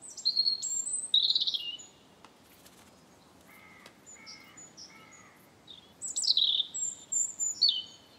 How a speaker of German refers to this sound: während die Amsel klangvolle Flötenmotive vorträgt, erklingt der Gesang des Rotkehlchens silberhell, perlend und melancholisch.